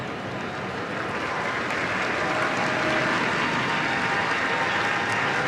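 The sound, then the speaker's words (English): The Bay FC crowd at a soccer match applauds steadily, a dense, even wash of clapping and cheering noise that holds at a constant loudness for the whole stretch, with no voices speaking over it. “Getting a hand from the Bay FC crowd.”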